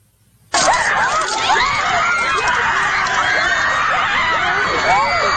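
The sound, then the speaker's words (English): A large crowd of high school students screams and howls at full pitch, many overlapping shrieks and yells rising and falling together, bursting in suddenly and staying loud and frenzied throughout. “Howling for blood, screaming in hatred.”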